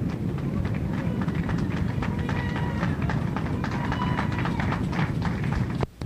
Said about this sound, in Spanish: ¡Fuerte aplauso al Señor, hermano!